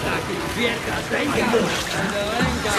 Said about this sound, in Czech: Nevidíš, že neslyším, když teče voda? Dráhoušku, mimo to mám v uších mejdlo.